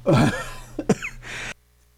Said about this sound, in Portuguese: Rapaz, deu um pigarro agora aqui, viu?